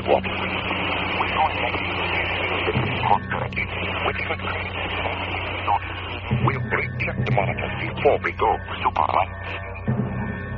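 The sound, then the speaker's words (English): Harsh, crackling radio static from interference on a radio transmission fills the band continuously, with bursts of noisy interference and garbled, broken voice fragments buried underneath, loud throughout. “I don't know where all the hash is coming from, but there's some kind of interference.”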